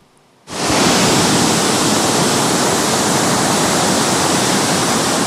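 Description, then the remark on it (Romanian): A loud, steady roar of rushing water surges in after a brief silent moment and continues without a break, dense: a river in Buzău County, Romania, that overflowed its banks after torrential rains and destroyed a bridge. “Ploile torențiale au făcut ravagii în județul Buzău, un râu care a ieșit din matcă, a distrus un pod și a izolat două sate.”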